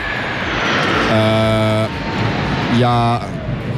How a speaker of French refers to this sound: On est un petit peu perturbé parce qu'il y a un avion qui vient de passer au-dessus de notre tête. Évidemment, ça fait beaucoup de bruit.